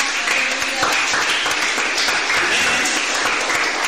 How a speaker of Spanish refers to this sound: Amén. Denle un fuerte aplauso a Dios en esa hora.